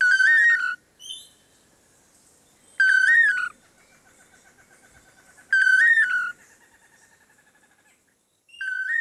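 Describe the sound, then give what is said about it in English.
A pair of long-tailed manakins sings their repeated, tightly synchronized whistled duet phrase, the Toledo song, loud, recurring about every three seconds, with softer trailing notes in between and no talking. “Researchers have estimated that the dynamic duo may perform their Toledo song up to 5,000 times in one day.”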